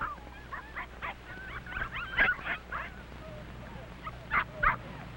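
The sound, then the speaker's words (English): Several of Mac's puppies squabble, yipping and squealing in quick, overlapping bursts, a scrappy irregular chorus of high-pitched barks and whines, with a few louder yelps standing out near the end. “Now, pups, no time to fight.”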